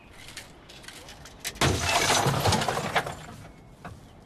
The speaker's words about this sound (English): He's broke the glass now! You dingleberry. What the fuck? Did anyone else just see that? No, we heard it. We heard it. Unbelievable.